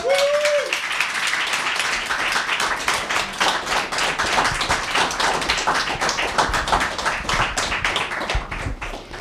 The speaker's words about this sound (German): Euer Applaus, Leute.